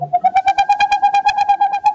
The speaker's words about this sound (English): In the darkness of a northern forest, the hooting of a boreal owl. This is the male owl's song. These staccato notes can continue for more than an hour and carry for more than a mile.